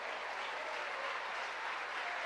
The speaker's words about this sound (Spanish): ¿Cuánto le dan un aplauso a ese Dios?